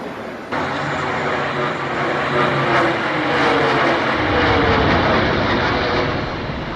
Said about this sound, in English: Their cameras capturing what no one else did. They witnessed the plane hit the North Tower.